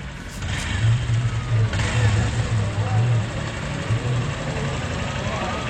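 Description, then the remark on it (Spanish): A large police vehicle's engine rumbles and revs during a police operation, a deep steady drone that swells slightly, over constant outdoor noise with indistinct voices in the background. “Hay un carro grandote ahí de policías, movilidad.”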